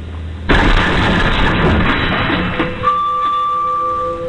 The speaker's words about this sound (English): New video shows the moment two light rail trains collided in San Francisco.